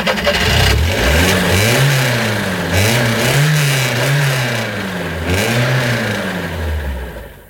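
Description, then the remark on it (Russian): A car engine revs hard in repeated rising and falling surges, straining loudly as the car is stuck in a shallow ditch, with no voices over it. “Вот посадим машину. Ну, парень, как первый раз куда ты въехал? Засел. Крепко.”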